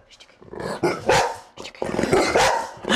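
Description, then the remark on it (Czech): Dogs bark several times in a radio studio in Olomouc, saying goodbye at the end of an interview, a quick run of loud, sharp barks in uneven bursts, with no talking around them. “Pejskové se loučí.”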